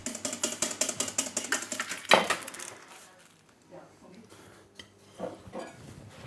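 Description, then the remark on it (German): A whisk beats rapidly and steadily against a bowl, whipping hollandaise sauce in a kitchen, a quick run of metallic strokes that ends in a louder clank, followed by sparse, quieter clinks and taps. “Und schlägt und schlägt die Hollandaise.”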